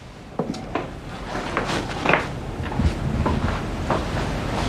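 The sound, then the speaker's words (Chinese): A door is opened by someone who has just finished showering, with a few short clicks and knocks, a sharper clatter in the middle, set against a steady rushing, wind-like noise. No one speaks. “我刚洗完澡，刚打开门。”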